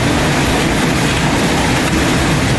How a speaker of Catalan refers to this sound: per la Cerdanya, així és com queia pedra i rebotava.